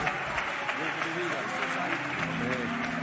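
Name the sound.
audience applauding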